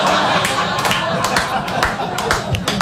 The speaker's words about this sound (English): Booing that, okay.